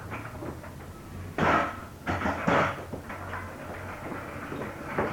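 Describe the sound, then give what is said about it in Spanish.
A door is pulled shut with a short wooden scrape and a couple of solid knocks, loud against a steady low background hum. “Cierren la puerta.”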